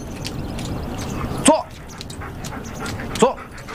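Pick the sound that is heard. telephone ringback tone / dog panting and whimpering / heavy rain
dog panting and whimpering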